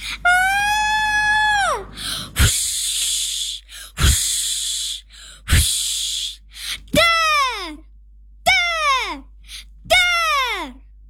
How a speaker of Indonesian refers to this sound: Lalu muncul suara entah dari mana, seperti suara teriakan yang disertai dengan angin kencang dan petir menggelegar.